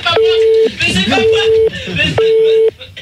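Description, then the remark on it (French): A telephone ringing tone sounds three times, steady beeping pulses about half a second each with short gaps, loud, while people talk over it. “Je crois que voilà, tu peux arrêter la sonnerie”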